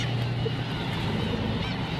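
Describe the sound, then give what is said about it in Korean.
A huge colony of more than 10,000 black-tailed gulls on an island calls all at once, a dense, continuous wall of overlapping mewing and honking cries that stays loud for the whole moment. “네, 여기만 대략적으로 10,000마리 이상의 굉이갈매기들을 지금 보고 계십니다.”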